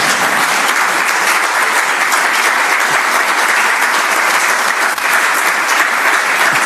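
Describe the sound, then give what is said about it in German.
A large audience in a lecture hall in Heiligenkreuz claps steadily for several seconds, a loud, dense wash of many hands, with no speech over it. “Also wenn Sie nicht klatschen wollen, mache ich gleich weiter.”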